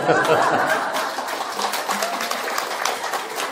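A room full of people claps steadily for a few seconds, a dense crackling patter of many hands, with a few chuckles and murmurs mixed in: an audience applauding at the speaker's prompt during a talk.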